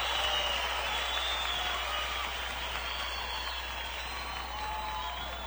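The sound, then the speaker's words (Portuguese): A steady applause sound effect on a Rádio 107.1 FM broadcast, a dense wash of crowd clapping that stays fairly even and continuous for several seconds with no pauses. “Cadê o aplauso,”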